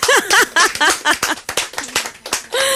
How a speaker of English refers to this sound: think we should clap, right?